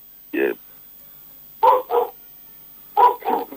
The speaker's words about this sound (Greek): Την άποψή του λέει ο σκύλος. Την άποψή του λέει ο σκύλος. Ο σκύλος είναι έξω τώρα και τραγουδάει. Βλέπει για μια γάτα, τίποτα, κάτι θα ακούει.